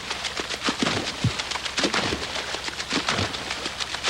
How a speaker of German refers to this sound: Im Hintergrund hört ihr das Wasser platschen.